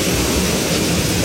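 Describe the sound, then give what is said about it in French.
Heavy rain pours down in a steady, dense hiss that fills the whole range evenly, with no breaks or variation in loudness and no voices. “Et c'est pas un petit crachin, hein, évidemment.”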